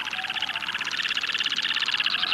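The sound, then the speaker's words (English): A shorebird in low, buoyant flight over the tundra gives a long, unbroken series of rapid, pulsing hooting calls over areas frequented by females, steady and fairly loud throughout, with no voices present. “over the tundra, and in a low, buoyant flight, issues a long series of hooting calls over areas frequented by females.”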